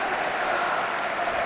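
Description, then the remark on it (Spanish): A large crowd at Mestalla stadium applauds FC Barcelona's number 16 as he is substituted off the pitch, a dense, continuous wash of clapping that stays loud and even throughout, with no voices standing out. “Aplausos de Mestalla para el 16 del FC Barcelona, campeón del mundo, capitán de la selección española.”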